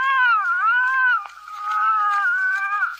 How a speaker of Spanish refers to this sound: Este bebé que estás escuchando fue grabado el 1 de enero de 1892. Los archivos indican explícitamente que la canción registra los sonidos de un bebé llorando de forma cada vez más agitada. Records the sounds of an increasingly agitated crying baby.